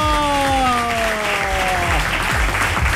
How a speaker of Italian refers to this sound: Grazie, guarda, questi sono applausi veri. Veri, veri. Perché c'è la differenza tra l'applauso vero che è questo.